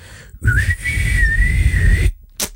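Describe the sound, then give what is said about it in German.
A person whistles one long, steady high tone that wavers slightly, imitating an answering machine beep, over a low rumbling background, followed by a short sharp hiss. “Aber Sie können mir gerne eine kurze Nachricht diktieren nach dem Pfeifton.”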